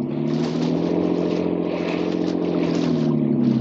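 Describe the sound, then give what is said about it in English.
A motorboat engine drones loudly and steadily at high speed, a constant throaty roar with a slight rising pitch, as the boat races to cut in ahead of another boat heading for shore, with no voices. “Cut in ahead. I'll try to. Head him off. Where's Martha? Lying in the boat. Cut in faster, Alex, faster.”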